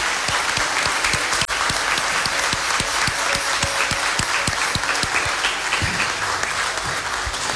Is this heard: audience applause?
yes